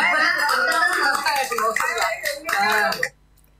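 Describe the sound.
Audience applause fills about three seconds as a dense wash of overlapping claps with voices mixed in, then cuts off abruptly into near silence.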